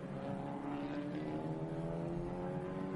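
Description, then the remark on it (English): Two race cars battle closely on a circuit, their engines droning steadily, a dense, layered whine of stacked engine tones holding at a constant loudness for the whole stretch, with no voices. “This is outstanding racing by these two cars.”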